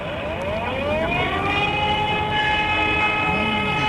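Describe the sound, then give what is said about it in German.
A fire brigade siren wails steadily and loudly, its layered tones sliding slowly up and down in pitch over a rumbling background, with no voices. “Ich glaube, das ist von der Feuerwehr, glaube ich. Korrekt, da ist jemand richtig gut.”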